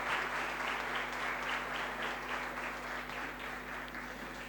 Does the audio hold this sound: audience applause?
yes